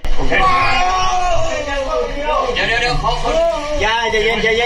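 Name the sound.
trapped man screaming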